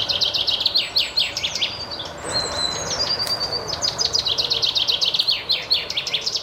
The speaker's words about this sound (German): Besonders im Blick stehen dieses Mal die Finken. Doch wie klingen eigentlich Finken?